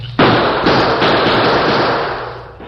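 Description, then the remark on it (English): Loud gunshots as the Lone Ranger fires his own guns to cover a retreat from the Redford sheriff and townsmen: three sharp blasts in quick succession whose harsh, crackling roar runs together and slowly fades, with no voices. “Faced with an advancing wall of gunfire from the Redford sheriff and a group of excited townsmen, the Lone Ranger put his own guns into action to cover a retreat.”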